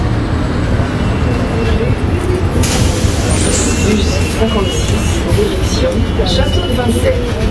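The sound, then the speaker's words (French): A Paris city bus, route 56 toward Château de Vincennes, rumbles in at a stop, its low engine drone steady, with a burst of brakes or doors hissing partway through amid street noise and background chatter. “Ah, voilà le bus.”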